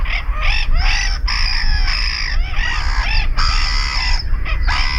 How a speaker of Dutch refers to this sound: We zetten ze even op een rijtje. De kokmeeuw.